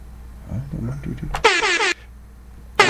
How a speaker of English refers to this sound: Should I do the air horn sound? Yeah, do the air horn sound. That's so cool. Hold on. Where's the air horn?